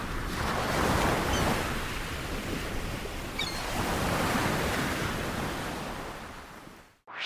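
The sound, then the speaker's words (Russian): Ocean waves roll and break on a shore in a steady, full wash of surf, swelling louder in slow surges and then receding, with no voices present. “Что ж, океан огромный, он все выдержит и любую боль унесет с волнами.”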